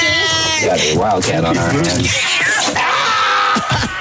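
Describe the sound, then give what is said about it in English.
A cat named Pinky, up for adoption, meows loudly in drawn-out, wavering cries that rise and fall in pitch over a few seconds, with a noisy, busy background. “That was Pinky who was up for adoption, by the way.”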